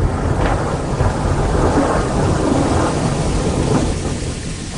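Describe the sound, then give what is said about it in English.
A deep, continuous rumble of thunder rolls low and heavy throughout, with a steady wash of rain-like hiss over it and no voices. “Thunder growls.”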